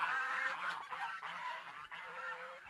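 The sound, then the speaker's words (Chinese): A flock of farm-raised geese kept below a large old tree honks continuously, loud, their overlapping nasal calls forming a dense, unbroken chorus with no voices. “哦，这个鹅就在下边啊，”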